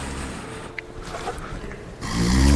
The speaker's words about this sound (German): Warum kann der nicht aufhören zu schnarchen, der blöde Sack?